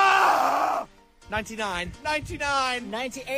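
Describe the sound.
A man lets out one loud, harsh, strained scream lasting under a second, then after a brief pause he breaks into rising and falling voiced sounds, like talking or groaning.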